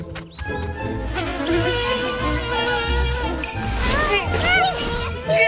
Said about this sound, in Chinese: 怎么到哪就这么多蚊子呀？